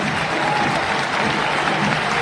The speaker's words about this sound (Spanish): La ovación para el colombiano. Se va de la cancha Baloy abrazado por los dos médicos, era lo que yo les marcaba.